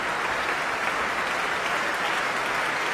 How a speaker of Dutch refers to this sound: En, Tiani Lou en Juliana Avdeeva komen opnieuw samen de trap af. Hier in Amsterdam. Om dit bijzonder enthousiaste applaus in ontvangst te nemen.